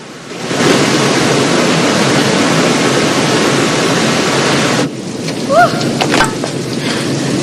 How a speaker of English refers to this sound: White water thundering over a sheer drop into a tumultuous plunge pool, sending up clouds of mist.